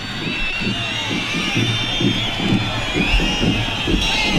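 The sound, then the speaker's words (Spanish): A large crowd whistles shrilly and boos continuously at Interior Minister Marlaska during the swearing-in of a new class of Guardia Civil cadets at the academy in a town in Jaén, Spain, a dense, loud wall of protest with piercing whistles over a low, rumbling roar of jeers throughout. “El nivel de silbidos y abucheos se ha elevado todavía más cuando Marlaska ha dicho que perdieron la vida en acto de servicio y que él también está dolido y rabioso por lo que ha ocurrido.”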